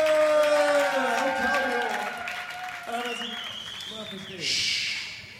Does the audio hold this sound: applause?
yes